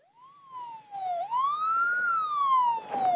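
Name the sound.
police car siren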